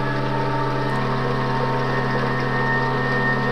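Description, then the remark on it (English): Steaming, bubbling sulfur hot spring water churns in a steady, unbroken drone with a low humming undertone, holding an even loudness throughout with no voices. “Component city parts pulse like organs caught in waterlight in the steaming bubble beat of this sulfur spring.”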